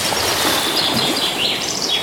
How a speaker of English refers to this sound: Ooh, I like that one with the bird song. I wonder if you recognise the bird song.